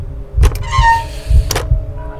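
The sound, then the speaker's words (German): An old, rusty iron door handle creaks with a thin, rising squeak, framed by dull clunks of the latch turning as a door is opened. It's fairly loud, with no voices. “Das rostige Quietschen erschien mir lauter zu sein als das Pulsieren meines Blutes, das mir durch die Ohren rauschte.”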